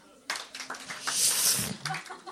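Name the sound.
weak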